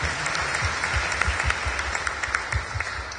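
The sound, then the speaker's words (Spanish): An audience at a morning Mass claps in praise of Christ Jesus, a dense wash of many hands with a steady rhythmic pulse of louder beats running through it, sustained and fairly loud throughout, with no voices standing out. “Demos palmas a Cristo Jesús en esta mañana.”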